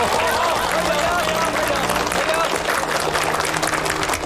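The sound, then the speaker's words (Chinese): A crowd applauds steadily for about four seconds to welcome two new comrades joining, a dense, loud wash of clapping that never lets up, with murmuring voices mixed faintly underneath. “大家掌声欢迎两位新同志的加入。”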